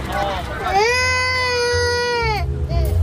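A baby lets out one long, loud, high-pitched wail that holds steady for about two seconds before breaking off, with short fussy whimpers before and after over a low rumbling background.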